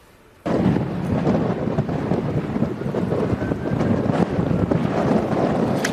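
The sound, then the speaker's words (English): Fierce wind fueling a huge wildfire howls and roars without a break after a brief quiet start, with heavy low rumbling buffeting and gusty surges that stay loud throughout. No voices are heard. “And you can hear the fierce howling winds fueling this monster inferno as massive plumes of smoke choke the skies and firefighters try to attack the flames from above.”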